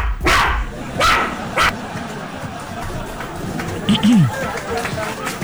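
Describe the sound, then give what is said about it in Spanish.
A small female Chihuahua dog gives a few sharp, high-pitched barks, three quick yaps in the first two seconds, then a short whining yelp, against a noisy background. “a ver, perrita Chihuahua, te vamos a poner maruchan”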